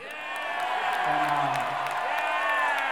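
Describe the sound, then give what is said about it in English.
A crowd cheers and whoops loudly in a sustained burst, many voices blending with high shouts and some clapping, filling the space for a few seconds without a break. “The crowd's with me, all right.”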